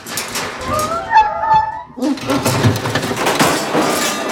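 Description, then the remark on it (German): A dog named Murks lets out a thin, high, wavering whimper lasting about a second while trying to scratch his ear with a hind paw, then a stretch of loud scuffling and rattling follows as he bumps repeatedly against the grate in a very small room. No one speaks. “Plötzlich winselte Murks und versuchte, sich mit seiner Hinterpfote am Ohr zu kratzen.”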